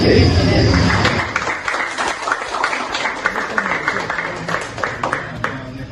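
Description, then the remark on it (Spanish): A crowd breaks into sustained applause after election results are announced, many hands clapping densely at once, with murmuring voices mixed underneath; the clapping stays fairly loud and steady throughout. “estas fueron las primeras reacciones, un silencio, pero después aplaudieron.”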